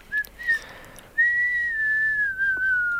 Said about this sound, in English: Really good. That was a good whistle. Yeah. Pat on the back for me.